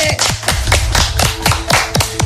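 Steady, rhythmic clapping from a small group, fairly loud, with a soft musical hum underneath and no one speaking; applause introducing a participant on a radio game show.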